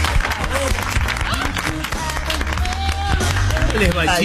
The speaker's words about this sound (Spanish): Fuerte el aplauso